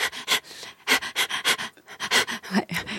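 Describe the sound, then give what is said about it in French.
A dog pants quickly and steadily over a drum machine beat, each breathy huff landing in an even, beat-like rhythm, loud and clear with no voices. “Il y a aussi votre chien qui il y a mon prête chien, oui, notre chien. qui prête son allaitement à une boîte à rythme.”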